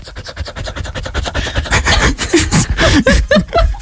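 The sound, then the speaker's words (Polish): A mixed-breed dog named Cheetos, just back from a walk, pants in quick, regular raspy breaths that grow louder and rougher partway through, with a few higher voiced whines or squeaks mixed in toward the end. “Zaprezentować, bo wyciąłem samo dyszenie z twojej głosówki.”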